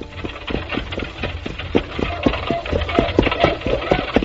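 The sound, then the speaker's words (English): A horse's hooves clip-clop in a steady, even rhythm over a low continuous rumble as it is ridden after dark across the moors in heavy fog, the hoofbeats moderately loud throughout, with no voices. “I gave the horse a free rein and hoped for the best.”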